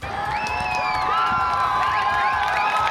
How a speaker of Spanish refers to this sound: Així, amb aplaudiments, varen rebre les Balears l'eclipsi de sol. Centenars de milers de persones varen desplaçar els diferents punts de visualització per gaudir d'un fenomen que, segons els experts, no es tornarà a repetir fins l'any 2180.